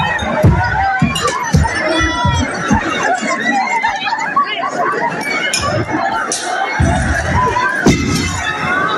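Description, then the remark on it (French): A rowdy crowd of high school students outside the Lycée d'Odé in Nîmes, France, shouts, screams and laughs while throwing hard projectiles that repeatedly smack and clatter against the building's façade, with sharp thuds and occasional shattering bursting through the constant chaotic din. “Au-delà, Yvan Lachaud, des cris ou des rires de certains élèves, on entend évidemment ces projectiles balancés sur la façade.”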